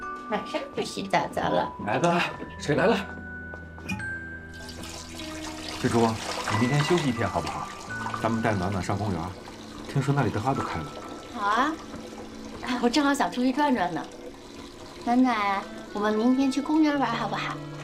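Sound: water being poured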